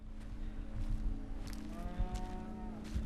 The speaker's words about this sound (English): Swinging his gaze from side to side cautiously, he moves across a barren farmyard towards the dilapidated barn. As he moves into the building, his gaze is drawn to the sound of a cow nearby.